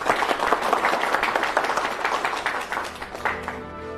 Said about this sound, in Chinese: 大家鼓掌欢迎。